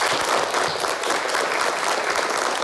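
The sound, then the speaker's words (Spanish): A group breaks into steady applause to welcome a new classmate, many hands clapping at once in a dense, continuous patter that stays fairly loud and even throughout, with no voices standing out. “Y vamos a recibirle con un aplauso.”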